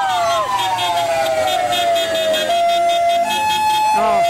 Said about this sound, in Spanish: Mirá, mirá, mirá. La ambulancia esa.